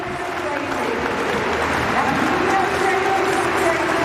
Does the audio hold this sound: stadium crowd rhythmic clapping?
yes